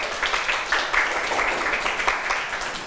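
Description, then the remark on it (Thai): A group of students applauds themselves at their teacher's request during a lesson about Jataka tales, in steady, dense clapping that keeps an even, crackling texture for the full few seconds, with no voices over it. “เก่งมากๆค่ะปรบมือให้ตัวเองหน่อยค่ะ”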